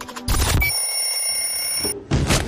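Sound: alarm clock ringing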